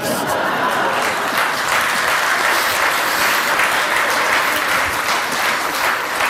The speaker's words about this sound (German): Da haben die Männer jetzt aber lauter geklatscht, die haben es genau gehört.